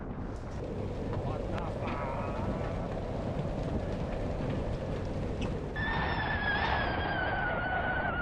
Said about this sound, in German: Wie aus dem Nichts baut sich ein Unwetter auf. Der Sturm kommt rasend schnell.